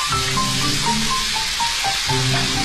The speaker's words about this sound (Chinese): 虾酱是这里人家必不可少的调味品，用法多种。虾酱炒芋头是其中的典型。一勺虾酱入锅，煸炒出香味